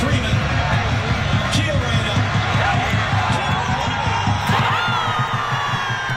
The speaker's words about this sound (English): Thousands gathered on Friday at Skyline Park in downtown Denver to cheer on the U.S. in its first match in the tournament against Paraguay.